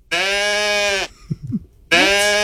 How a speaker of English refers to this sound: Is that a sheep? It sounded like a sheep, but that actually was a pet goat. He did do that more of a meh than a bah.